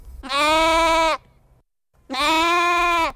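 Two loud, drawn-out sheep bleats, each lasting about a second and separated by a short silence, with a steady, nasal, wavering tone and no talking.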